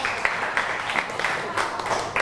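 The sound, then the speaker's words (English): A group of children in a class clapping together for group 5, in a steady, dense burst of applause, the claps overlapping into a bright crackling patter that stays fairly even throughout with a few louder peaks. “Clap your hand for group 5 again.”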